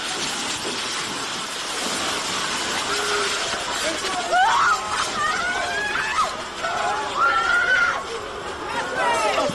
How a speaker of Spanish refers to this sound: Son los gritos desgarradores de las personas que percibieron este terremoto allá en Indonesia, muy fuerte, minutos antes de las 6 de la mañana.